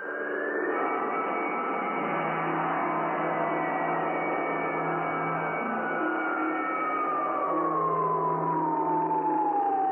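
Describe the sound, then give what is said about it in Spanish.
A loud, continuous general alarm siren wails steadily throughout a base, set off automatically after a captain pressed a button, its pitch slowly sliding downward as it drones on over a dense, rumbling background, like an alarm sounding across a wide area. “El capitán oprimió un botón y una serie de foquillos rojos anunciaron alarma general y automáticamente funcionaron las alarmas en toda la base.”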